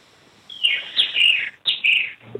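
Birds chirp in bright, high-pitched bursts, two clear phrases separated by a brief pause, moderately loud with no talking.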